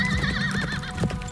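A black horse lets out a loud, quavering whinny while its hooves pound in a quick galloping rhythm underneath, clear, with no one speaking, as Lady Esther Stanhope gallops it across the desert.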